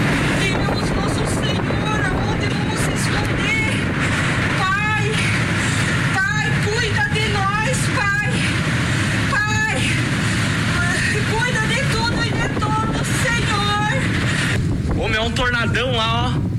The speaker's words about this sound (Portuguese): Em Senador Salgado Filho, os ventos fortes destelharam diversas propriedades e afetaram diretamente 50 moradores. Nas redes sociais, eles divulgaram vídeos do momento da passagem do tornado.